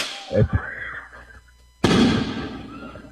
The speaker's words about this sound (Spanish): Que deje de reventar cohetes ya porque no me dejan hablar.